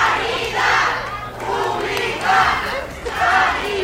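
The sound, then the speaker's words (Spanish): A crowd of workers at the Ramón y Cajal Hospital in Madrid chants "Sanidad Pública" in unison as they receive regional president Isabel Díaz Ayuso on her arrival. Loud rhythmic bursts of shouting repeat roughly every second, with a steady low hum underneath. “Esta mañana visitaba el nuevo servicio de cardiología Madrid 365 y así lo escuchan al grito de Sanidad Pública la han recibido.”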